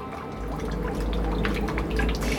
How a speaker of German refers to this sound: was ich dich schon die ganze Zeit fragen wollte, hat das eigentlich irgendwas zu bedeuten, dass hier ständig Wasser in dein U-Boot reinläuft? Wasser? Da muss irgendwo ein Loch sein.